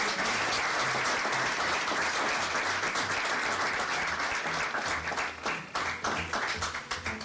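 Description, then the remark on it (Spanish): A crowd at a JCI Tegucigalpa awards ceremony honouring journalists applauds on behalf of Senator Vicente Machado Valle, a dense wash of many hands clapping that holds loud for several seconds before thinning into scattered, separate claps at the end. “Un aplauso en nombre del senador Vicente Machado Valle.”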